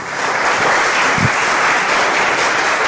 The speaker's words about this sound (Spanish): Dele un aplauso poderoso a Jesús.